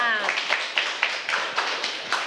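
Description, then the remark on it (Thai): A room full of people claps for the second student group after its presentation on animals, a steady, dense patter of hands lasting a couple of seconds at an even loudness. “ขอเสียงปรบมือให้กับกลุ่มที่2ด้วยค่ะ”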